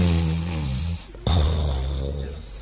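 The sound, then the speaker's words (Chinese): A man's voice imitates the loud, heavy snoring of a man lying asleep on a bed: a rumbling, droning snore, a brief pause, then a second throaty snore that slowly fades, prominent with no other sounds. “只见姜超头东脚西躺在这个床上，呼吸声不小”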